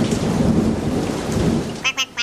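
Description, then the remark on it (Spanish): Heavy rain pours down on children walking outside, soaking them, in a dense, steady roar with a deep rumbling underneath, then breaks off near the end into three short, sharp bursts. “Se largó una lluvia muy fuerte y los chicos se mojaron todo.”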